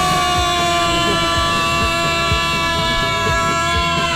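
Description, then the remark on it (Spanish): A vehicle horn that has got stuck blares nonstop for the whole stretch, loud and steady with no breaks, over faint rumbling background noise. “Se me trabó la bocina.”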